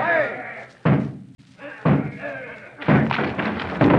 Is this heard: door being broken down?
yes